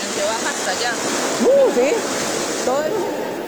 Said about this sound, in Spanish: genera este cauce alterno por donde está bajando ahora el agua y perjudicando a muchos de los vecinos